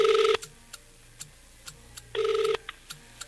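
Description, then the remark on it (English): A phone line rings on an outgoing call to a prize winner: two short electronic ring tones about two seconds apart, with faint regular clicks in the quiet between them and no voices. “Okay, so it's ringing.”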